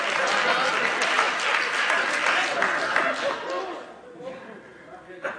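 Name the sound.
audience clapping and applauding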